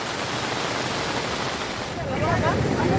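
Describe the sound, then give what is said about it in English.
Rushing flash floodwater from heavy rainfall roars in Bela colony, Rajouri district, Jammu and Kashmir, in a steady, dense, loud wash of noise, swelling slightly with a churning, splashing texture near the end. “Flash floods triggered by heavy rainfall has caused massive damage in Bela colony.”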